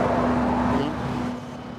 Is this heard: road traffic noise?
yes